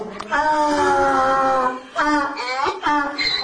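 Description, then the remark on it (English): A donkey in Luxor, Upper Egypt, brays loudly: one long, drawn-out wheezing call followed by two shorter, rising bursts, harsh and strongly pitched, with no voices around it. “The Egyptian revolution started on the 25th of January, but in Luxor, every day sounds like an attempted donkey revolution.”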